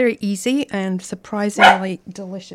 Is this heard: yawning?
no